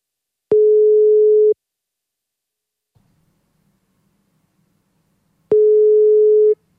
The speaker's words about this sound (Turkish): İki daha çaldırır kapatırım.